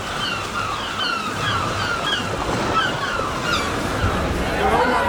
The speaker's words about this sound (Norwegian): Vi fortsetter nedover mot sjøen. Der måkan skrik og bølgene slår inn mot land.